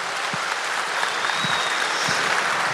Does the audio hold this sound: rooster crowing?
no